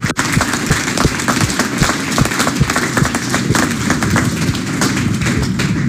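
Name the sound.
applause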